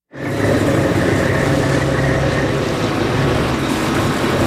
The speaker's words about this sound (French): Allez, on monte à bord d'un bateau de pêche homard au lever du jour